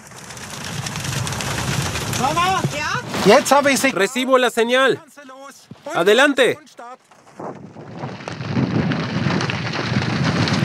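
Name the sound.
heavy rain falling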